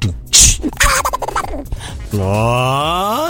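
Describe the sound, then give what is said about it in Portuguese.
A voice imitates Donald Duck coughing: a sharp, breathy burst, then raspy, sputtering squawks, ending in a long, nasal, quacking drawl. It is loud, with no other sounds. “Isso era o Pato Donald tossindo, fazendo fofoca rapidinho.”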